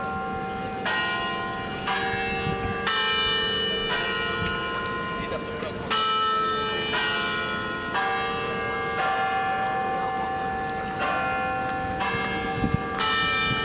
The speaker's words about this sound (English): With the bells ringing, we have reached the 7th hour of the Tower Hour Final Ascent.